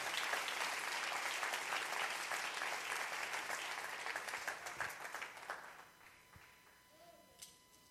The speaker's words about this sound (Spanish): Denle ese aplauso al Rey en esta maravillosa y hermosa mañana.